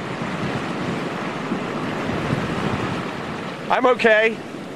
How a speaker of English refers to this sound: Look, we keep a close eye on what's going on behind us as the surf, about every 3 or 4 minutes, sends a wave all the way across the street and up here. That's hurricane force in a gust, and there goes another wave.